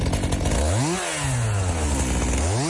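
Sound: chainsaw running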